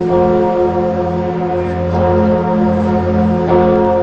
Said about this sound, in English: The bells of Notre Dame in Paris rang out as the pontiff landed at the start of what will be a four-day visit.